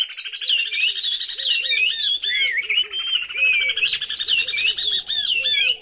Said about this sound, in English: In this duet of oriole warblers from Senegal, the female keeps time with a rising series of staccato notes as the male whistles along.